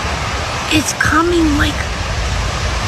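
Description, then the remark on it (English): A steady, dense hiss of rain pouring down outdoors as the edge of a storm moves down a street fills the whole stretch, with a brief tonal vocal sound rising over it midway. “She's looking down the street and the rain is starting to make its way down the street to the lady.”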